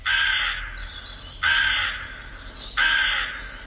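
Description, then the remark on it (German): A raven caws three times, each harsh, raspy call lasting about half a second with short pauses between. The calls are loud, with no voices present. “Oberster Diener Schalanas war der Rabe.”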